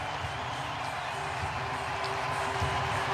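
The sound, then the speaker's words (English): A baseball crowd at the Rogers Center rising as one and cheering for Max Scherzer in his dugout: a steady, sustained roar of many voices that holds at an even level for the whole few seconds, dense and unbroken, with no single voice standing out. “Crowd at the Rogers Center rising as one.”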